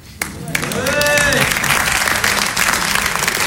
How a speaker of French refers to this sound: Non, non, non, non, mais c'est vrai, depuis le début, dès qu'un sketch se finit, vous applaudissez. Alors que personne ne vous a briefé, c'est génial.